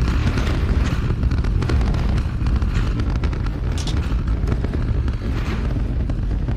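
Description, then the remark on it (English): The 33 Raptor engines of a Super Heavy booster roar at Starbase about 30 seconds into flight as it arcs away, a continuous, heavy rumble of dense low-end thunder with crackling bursts on top and no voices. “30 seconds into flight, 33 out of 33 Raptor engines lit on the Super Heavy booster arcing away from us here at Starbase.”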